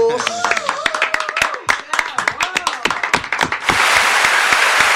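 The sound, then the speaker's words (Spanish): Audience applause: scattered sharp claps with voices calling out over them, then swelling into a dense, steady roar of clapping that holds loud to the end. “aplauso.”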